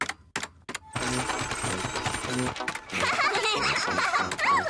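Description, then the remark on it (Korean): A few short clicks give way to a printer printing a page of blue triangles: a loud, steady mechanical whirring with rhythmic chattering that runs for several seconds. “이제 프린터로 뽑자.”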